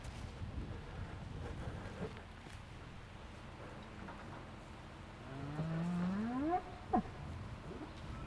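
A single drawn-out cow moo, rising in pitch, on a farm against steady outdoor wind and rumble, followed by a brief sharp knock.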